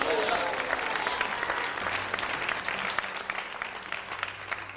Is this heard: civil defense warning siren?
no